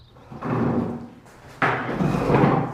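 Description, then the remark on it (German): Chairs are taken down from tables in an old primary school at the edge of a village, two heavy wooden clunks about a second apart, each followed by a short scraping rumble as the legs settle on the floor. No one speaks. “einen Stuhl nach dem anderen von den Tischen”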